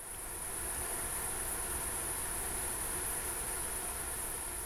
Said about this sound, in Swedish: Mm, det surrar. Ett summerande surr kan vi väl säga